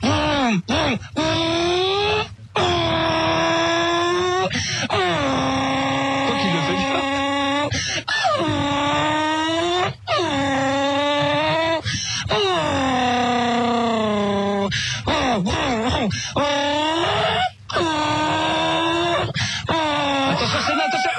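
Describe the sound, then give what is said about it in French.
A single voice imitates a Formula 1 race car as a voice-training exercise, making loud, continuous revving whines that sweep up and down in pitch, like engines roaring past and shifting gears, with only brief breaths between. “ça c'est l'imitation de Senna”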